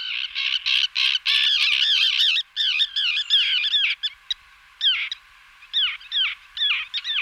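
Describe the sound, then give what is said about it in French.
Common terns at the Eyrac gravel pits call harshly and repeatedly, their grating, rasping cries overlapping almost without pause, as if several birds are present, loud and clear with no voices present. “Alors, l'autre oiseau qui est très très fréquent là-dessus et qui est rare partout ailleurs, c'est la sterne pyrogaraire.”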